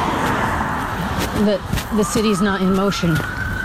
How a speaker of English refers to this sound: And that's the sound you hear a lot now, is just sirens, which when we used to hear them in context with other vehicles, wasn't so noticeable, but now you just hear the sirens from so far away.